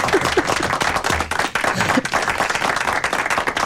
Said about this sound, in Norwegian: Nå skal vi klappe, ja.